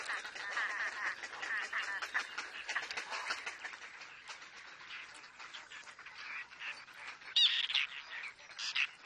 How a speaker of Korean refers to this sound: 구렛나루 제비갈매기 어미는 새끼들 때문에 정신이 없습니다. 아프리카에서 겨울을 보낸 이 종은 습지에 큰 군락을 이루죠. 새끼들의 식욕은 끝이 없습니다.